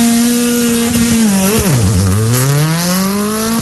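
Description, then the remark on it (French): A Citroën C3 rally car engine revs loudly at the start of a stage, its pitch dipping sharply and then climbing steadily again as the driver blips the throttle, with no one speaking. “Départ pour Joël Boyer et Sébastien Lauchonlim dans 10 secondes pour un départ sur Citroën C3.”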